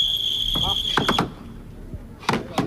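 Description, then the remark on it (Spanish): A steady, high-pitched whistle blast starting the Navarre pairs championship of aizkolaris (Basque wood choppers) at the Plaza de los Fueros during the town's fiestas holds for about a second, then sharp wooden chopping strikes ring out in quick bursts over a murmuring crowd of dozens of spectators. “Es el silbato con el que ha dado comienzo el campeonato navarro por parejas.”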